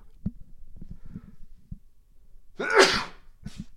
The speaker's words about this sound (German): Jetzt muss ich mal eben niesen.